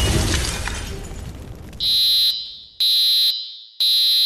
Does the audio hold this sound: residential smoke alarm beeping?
yes